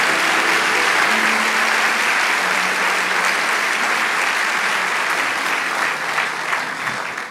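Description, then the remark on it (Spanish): A crowd applauds steadily, a dense and loud wash of clapping that holds for several seconds before thinning slightly at the end. A few faint tones hum underneath. “Vamos a darle un aplauso y ya estamos terminando.”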